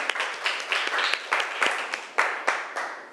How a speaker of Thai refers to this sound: ขอเสียงปรบมือเป็นกำลังใจให้เพื่อนหน่อยค่ะ